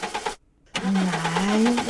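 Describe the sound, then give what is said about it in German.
A car engine cranks without catching: a brief stuttering attempt, a short pause, then a longer whirring crank that rises slightly in pitch. It is loud, with no voices. “Ich verspreche dir, danach bringe ich dich in die Garage. Lass mich nicht im Stich.”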